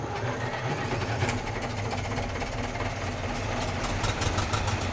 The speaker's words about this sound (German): Aber die sind doch gar nicht richtig gefahren. Das war doch nur ein Konzert. Ein hochmodernes Konzert für 12 Traktoren übrigens. Open Air.